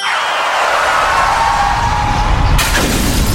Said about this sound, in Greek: Πάει το μπαμπρίς. Ποιος τον ακούει τώρα? Γυναίκα, τι έπαθε το αμάξι?